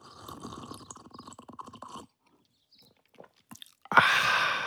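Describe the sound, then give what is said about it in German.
Wet mouth noises of someone in a kitchen slurping their third cup of hot cocoa: a crackly two-second sip, a short pause with faint clicks, then a louder, breathy slurp that runs on. “Ich stehe in der Küche und schlürfe schon die dritte Tasse Kakao.”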